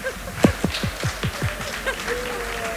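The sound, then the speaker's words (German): An audience at a live poetry slam at the Stadtland-Fluss-Festival in St. Pölten applauds the poets with a steady wash of clapping, punctuated by a run of regular, sharper beats and a few brief whistle-like tones, moderately loud throughout. “Applaus für Mieze Medusa”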